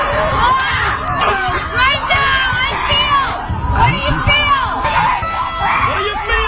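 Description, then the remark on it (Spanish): Many women scream and shriek together in a forest at a nature retreat meant to release tension through screaming, a dense, continuous chorus of overlapping high cries lasting throughout, loud, with no one speaking clearly. “Tenemos ahí a las mujeres ahí gritando, sí, señor.”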